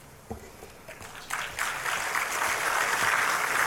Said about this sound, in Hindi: तालियों के साथ सबने उसका अभिवादन किया।